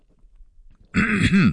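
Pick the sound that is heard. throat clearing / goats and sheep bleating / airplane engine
throat clearing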